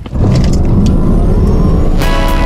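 A powerful Ford Explorer SUV engine roars and revs steadily, a loud continuous low rumble with a rising growl and brief higher whines near the end, no voices.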